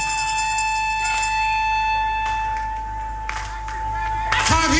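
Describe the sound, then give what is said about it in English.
A few scattered, uneven hand claps ring out over a steady electrical hum and faint background murmur, ending in a brief burst of louder noise. “his hand in the air and clap.”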